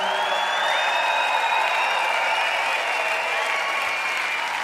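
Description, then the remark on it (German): A crowd applauds steadily, a dense wash of many hands clapping at once, sustained and fairly loud for several seconds with a faint whistle-like tone running through it. “Ich weiß jetzt nicht, was das für ein Applaus ist.”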